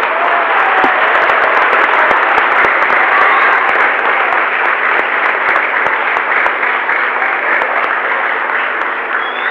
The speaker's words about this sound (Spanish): Un fuerte aplauso para muchachos.